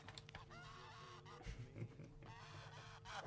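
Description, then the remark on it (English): A goose honking sound effect introducing a Goose of the Week sports segment: a string of harsh, nasal honks in quick succession, fairly loud with no talking over them. “We're going to Goose of the Week in the sporting world”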